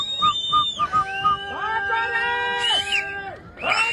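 A person whistles a few short chirpy notes, then a long held tone that swoops up and fades, fairly close and clear, with a brief burst of crowd noise at the end.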